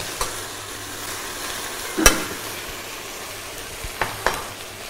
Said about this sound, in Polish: To nam się wszystko podsmaża, poddusza.